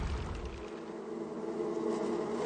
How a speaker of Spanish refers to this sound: Y, oh, Belarmino, ¿me creerías si te digo que un nubarrón de innumerables abejas me está envolviendo la cabeza? Es como si tuviera puesta una escafandra de abejas y me sumergiera en un mar zumbante.